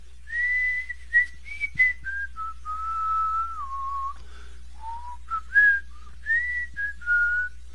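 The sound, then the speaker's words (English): A person whistles a slow church hymn melody while swinging on a swing, holding long notes that glide between pitches, with short breaks between phrases over a faint low hum. No one speaks. “I gave myself a few more easy pumps, and while I was swinging and thinking, I heard myself whistling the words of a hymn we sometimes sing in the church that the gang attends.”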